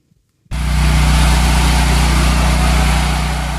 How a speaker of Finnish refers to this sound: Sähkögeneraattorin hurina. Tuttu ääni Kuuban pääkaupungissa Havannassa.